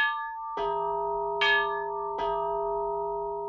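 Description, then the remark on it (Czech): A small belfry bell rings out four strikes in an uneven rhythm, each clear mid-pitched tone humming on and overlapping the next, with no voices. “Do třetice ho probudilo zvonění.”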